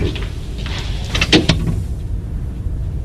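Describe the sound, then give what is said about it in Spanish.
A door swings shut with a short rattle and a couple of solid clunks, set against a steady low background rumble; no one speaks. “Ciérreme la puerta.”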